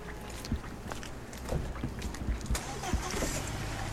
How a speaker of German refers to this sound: Jetzt machen wir draußen die Studiotür zu, weil die Autos sind ein bisschen zu laut.